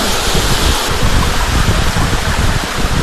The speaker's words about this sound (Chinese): 哦，这是 从山涧流下的这个水， 陶然湖瀑布，这是我们说的最大的那级瀑布。就在这儿， 真的有一种飞流直下三千尺的感觉，